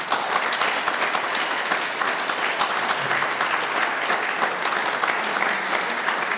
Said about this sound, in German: Vielen Dank und einen herzlichen Applaus.